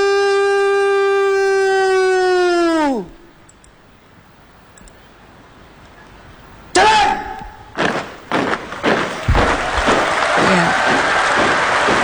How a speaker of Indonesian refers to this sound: Riu tepukan kini bergema ya di kawasan Istana Merdeka Jakarta sebagai apresiasi atas terlaksananya kegiatan penurunan sang merah putih yang berjalan lancar.